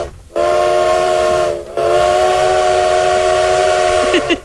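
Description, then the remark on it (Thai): A loud, sustained train whistle sounds in two long blasts separated by a brief gap as a train arrives, with a steady harmonic tone over rumbling rail noise and no voices. “รถไฟแบบใหม่แบบสับเป็นไงเสียงวูดแบบหงุดหงิดมากเลยวันนี้ไม่สิ้นหวังไม่ท้อแท้แล้วนะเสียงวูดนะคะเสียงวูดแบบวูดวูดเหมือนแบบว่าคนกำลังหงุดหงิดนึกภาพออกไหม”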